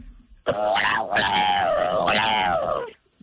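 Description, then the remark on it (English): A person imitates a magpie call: a loud, warbling vocal cry lasting about two and a half seconds, wavering in pitch with a brief break early on. No other talk. “What, magpie? Go magpie, please.”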